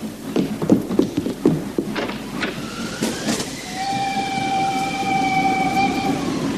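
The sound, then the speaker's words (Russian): An armored steam train chugs with rapid rhythmic puffs. Then a long, steady whistle rises and holds over the rumble as the train approaches. Nobody speaks. “Бронепоезд!”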